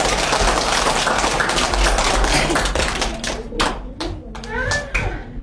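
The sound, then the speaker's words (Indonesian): A crowd claps in a dense, steady patter of applause for classmates about to give an English conversation, thinning out toward the end into a few scattered, sharp individual claps, with children's voices faintly mixed in. “Mari beri tepuk tangan yang meriah untuk teman kita”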